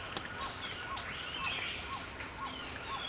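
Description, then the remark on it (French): Several birds sing at once in an outdoor dawn chorus, with repeated high chirps and short whistled notes overlapping at a steady pace, soft against a constant background hiss. “D'autres oiseaux.”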